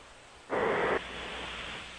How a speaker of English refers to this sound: Is that snoring or is that... Sounds like the space shuttle. That's the strangest snoring. That's snoring. That's bizarre snoring. Yeah. It really, it's like the space shuttle trying to steer itself.